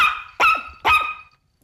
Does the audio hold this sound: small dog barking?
yes